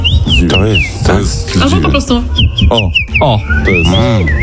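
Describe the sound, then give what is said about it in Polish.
Common rosefinch song: short, clear whistled notes, some slurring upward, repeated in a loose phrase and partly masked by a low voice talking throughout. “O, to jest dziwoń.”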